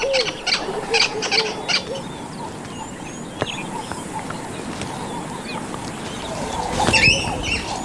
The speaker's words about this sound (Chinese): 他们被非同寻常的警报声惊醒了，是一只松鼠。